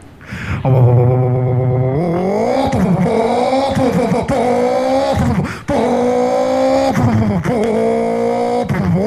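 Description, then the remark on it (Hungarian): A 400-horsepower car engine revs hard and accelerates as the driver shifts down to second and floors it, its pitch climbing through several gear changes with brief dips between shifts, loud with no talking. “Majd visszakapcsolunk második, hogy erőtartalék keretkezzen a motorról, mert nincs már tényleg csak 400 lóerő, és utána nyéllé hajtjuk.”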